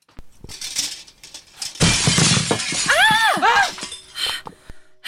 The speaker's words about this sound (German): Was war das für ein Knall? Ja, mir ist nichts passiert, aber da war jemand am Fenster. Ich konnte nichts erkennen, aber jemand hat einen Stein durchs Fenster geworfen.